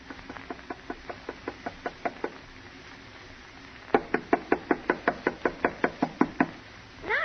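Knuckles rap on the door of a house on a cold night in two quick, even runs: about a dozen light taps, then after a short pause a louder, firmer burst of knocks, with no voices.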